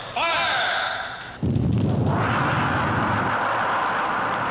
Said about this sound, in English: Now that means there are just 15 seconds remaining before our rocket is fired and goes soaring into space. 10, 9, 8, 7. Through the loudspeaker, we hear the seconds being counted off. 3, 2, 1, 0.